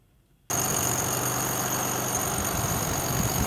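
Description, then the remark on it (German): A drilling rig boring the last of 530 blast holes for a large blast on 19 July kicks in abruptly after a brief hush, a loud, steady mechanical roar with a rapid low rattling pulse and a thin, high whine running throughout. “Es sind die letzten der insgesamt 530 Löcher, die für die große Sprengung am 19. Juli gebohrt werden.”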